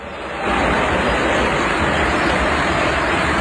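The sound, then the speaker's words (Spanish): A football stadium crowd, heard from a played video of a minute of applause for Lionel Messi, roars in a dense, steady wash of noise that swells up after a brief quieter start and holds loud throughout, with no single voice standing out. “Se escucha el estadio.”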